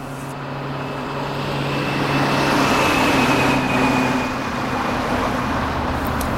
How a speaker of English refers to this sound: Why do they keep feeding street noises into the sound system? We haven't had street traffic in 3 generations. They say it keeps people awake and aware.